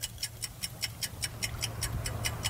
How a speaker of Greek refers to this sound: Κρατάει, όπως βλέπετε εδώ, ένα ρολόι. Λειτουργεί ακόμα το ρολόι. Το ρολόι λειτουργεί ακόμα. Εδώ.